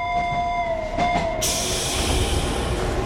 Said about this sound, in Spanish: tranvía musical se encuentra en la vía 5 y se dispone a salir en breves segundos.